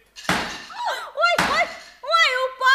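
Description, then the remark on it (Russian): Wanderers knock twice on a door rather than the gate, loud, sharp knocks about a second apart, with voices speaking between and after them. “Что за странники такие, что стучатся не в ворота?”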